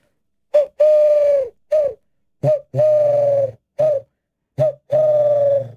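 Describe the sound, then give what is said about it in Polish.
A person imitates a collared dove with cupped hands, blowing three close, hollow cooing phrases, each a short note followed by a longer drawn-out one, clear and steady with brief gaps between. “Groźnie potrafi brzmieć sierpówka, bo ludzie ją cały czas mylą z sową.”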